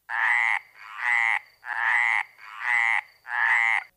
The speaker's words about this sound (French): Et bonjour les grenouilles.